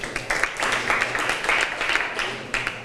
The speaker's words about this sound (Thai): ค่ะขอเสียงปรบมือให้เพื่อนหน่อยค่ะ